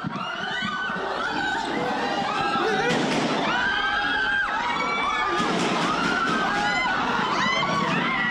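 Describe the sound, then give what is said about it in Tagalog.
A series of sharp gunshots cracks out at irregular intervals around 7:46 p.m., echoing on the second floor of the Senate building where the media were, while many people shout and scream in panic throughout. “Umalingaw-ngaw ang sunod-sunod na putok sa second floor ng Senado kung nasaan ang media.”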